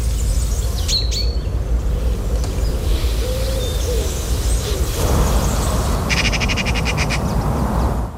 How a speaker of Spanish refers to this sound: Y entra, da paso al pinzón vulgar.